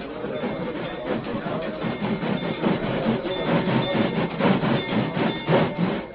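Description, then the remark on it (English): A train rumbles steadily across a bridge over a canyon with a rhythmic clatter of wheels on rails, a dense, continuous roar that stays loud throughout. “Where'll that train stop? As soon as it's across the bridge.”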